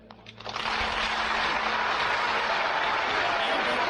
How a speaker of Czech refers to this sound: Končané v sále a tisíce posluchačů u reproduktorů venku Lumumbu nejméně 8krát přerušili výbuchy potlesku a jásotu.